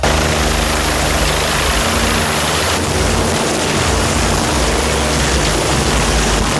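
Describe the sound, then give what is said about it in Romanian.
A helicopter flies by, its loud, steady rotor thump and engine roar filling the scene continuously with no pauses. “Temperaturile mari afectează funcționarea elicopterelor și forțează echipajele de salvare să transporte mai puțin echipament.”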